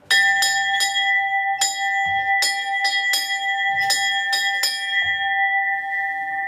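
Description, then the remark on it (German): A large decorated cowbell, a homecoming bell for the end of the alpine pasture season, rings loudly at the valley museum in Hüttschlag, Salzburg. It is struck about ten times in an uneven rhythm, its bright metallic tone lingering between strikes. No voices are heard. “Und da ist die Heimfahrglocken. Sollte das einmal leiten?”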